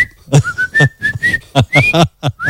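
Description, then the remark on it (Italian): A person whistles a clear, sliding tone that rises and holds, alternating with short bursts in a steady rhythmic pattern, loud. “che la vigilessa dice: no, lì non puoi attraversare, ma non glielo dice, glielo dice a gesti, no, glielo dice con fischia.”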